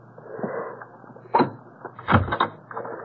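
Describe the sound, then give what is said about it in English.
A metal bolt on a door bolted from the inside clacks back, and a moment later the door rattles and thuds open, over a low, muffled background rumble. “Why was the door bolted from the inside?”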